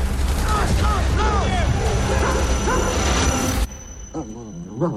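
A former soldier's German shepherd, a war veteran like him, barks and whimpers urgently amid a dense, noisy background, then the din drops away and a few softer, high whines remain near the end.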